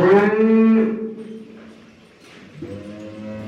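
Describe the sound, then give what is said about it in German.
A cow in a herd lets out a loud, drawn-out, angry moo, then after a short pause a second, lower and quieter moo begins, both clear with no one talking. “Sie machen sich gar nicht erst die Mühe, foppen sogleich die Herde Kühe. Das Zwillingspaar schleicht heran und ruft. Sogleich ertönt ein ärgerliches.”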